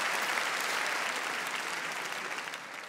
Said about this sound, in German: Ich bedanke einen großen Applaus für Billy und für dieses fantastische Dankeschön.